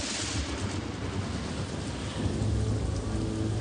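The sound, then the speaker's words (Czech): Heavy rain pours down steadily with a dense, hissing roar around a shack by the sea as night falls, while deep thunder rumbles low underneath and swells louder near the end of the storm. “S příchodem noci se kolem nich rozvěsnila ohlášená bouře.”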